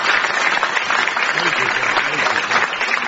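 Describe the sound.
A crowd claps steadily for a few seconds for two contestants currently in the lead, the applause dense and even throughout, with faint voices mixed in beneath the clapping.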